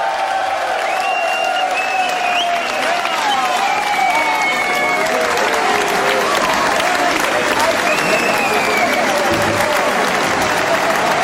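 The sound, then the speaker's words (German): Loud, sustained audience applause at an oldies anniversary concert fills the whole stretch, a dense rattle of many clapping hands with cheering voices and a few whistles rising through it. “Riesen Applaus”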